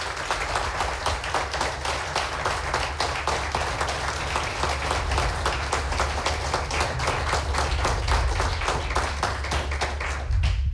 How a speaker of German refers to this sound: Und Sie bzw. euch bitte ich um den Wertungs- und Abstimmungsapplaus für Andreas Hamer. Bitte jetzt!